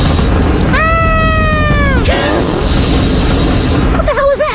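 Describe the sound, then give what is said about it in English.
Two comic fart sound effects from a 'Chamber of Farts' ride gag, over constant loud background noise: a long squeaky, slightly falling toot lasting over a second, then after a pause a short buzzy, sputtering one near the end. “Don't be afraid. There aren't any ghouls here. Only farts!”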